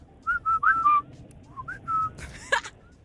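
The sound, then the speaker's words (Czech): A person whistles a short tune with their lips, a series of clear, steady tonal notes with slight pitch slides, moderately loud, ending with a brief rustle and click. “No nic, takže to se nepovedlo, ale umíme pískat jako normálně, že jo.”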